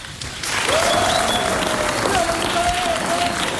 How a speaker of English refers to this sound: So please give a round of applause